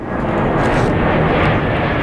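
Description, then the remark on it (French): A loud, steady roar of a jet airplane engine passing overhead in Schaarbeek, Brussels, Belgium, as a plane comes in to land at Brussels Airport on runway 07L, broad and rumbling, filling the whole moment with no voices. “Ce bruit de réacteur est quotidien pour Isabelle.”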